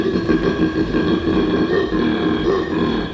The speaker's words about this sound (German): Koala-Männchen geben dieses tiefe Bellen oder Grunzen von sich, um ihr Revier zu markieren. Und um ihren Rivalen während der Paarungszeit zu zeigen, wie stark sie sind.